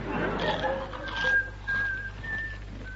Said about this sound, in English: I want you to eat these cream crackers and whistle the national anthem.